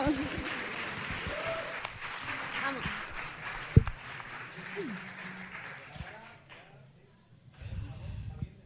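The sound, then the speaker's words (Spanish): A crowd bursts into steady applause that fills the first six seconds, with a few shouts rising over it, then fades to near silence before voices pick up again. “¡Un aplauso!”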